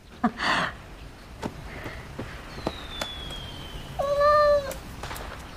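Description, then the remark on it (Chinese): A cat named Hertz lets out a brief sharper cry at the start, then a clear, fairly loud meow near the end, with quiet background noise and no talking. “哟，这猫好漂亮啊。”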